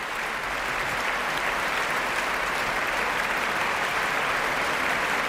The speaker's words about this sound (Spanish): y de nuevo todos los profesores de la Orquesta Nacional puestos en pie para recibir justo con su titular, hasta este último concierto de hoy, estos aplausos que están escuchando.